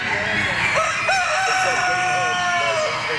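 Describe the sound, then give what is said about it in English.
A dense chorus of chickens at a poultry show, with roosters crowing and hens clucking over one another amid echoes, and faint murmuring voices mixed into the background. “The five judges will pick the best of the ducks, the best of the chickens, the geese, and the turkeys.”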